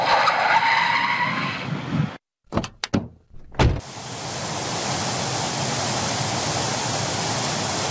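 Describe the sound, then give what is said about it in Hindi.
A car rolls in with a rough, skidding rush of tires and comes to a stop, followed by a few sharp clicks and thuds, then a steady hiss of outdoor noise. “अब हम इस कार को यहीं पर छोड़कर इससे थोड़ी नीचे उतरकर जरा आसपास का मुआयना कर लें और फिर यहीं से गाड़ी पैक करके लौट लेंगे।”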